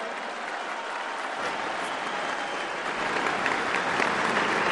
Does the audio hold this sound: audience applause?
yes